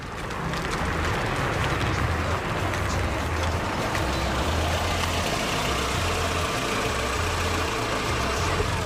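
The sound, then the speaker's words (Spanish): A car engine idles steadily with a low, rumbling drone and a broad hiss above it, continuous for the whole stretch, as the car is about to set off on a drive, with no voices. “ides agora a escoitar, sin hais horarios, momento de arrincar, momento de comezar esta ruta con turbulencias”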